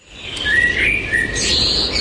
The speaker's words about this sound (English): And dad's hung a bird feeder outside the window so he can watch the birds in the day.